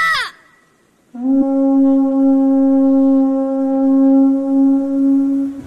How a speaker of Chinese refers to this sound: 阿爸，你听到了吗？这是吉祥的白海螺